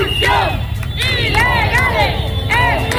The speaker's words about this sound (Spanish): Ahora mismo aquí todo el mundo está gritando consignas al resto de ciudadanos ceutíes. Les dicen no nos mires, únete. Hay gente en los coches parada, que toca el claxon, que saca el móvil, que se pone a grabar.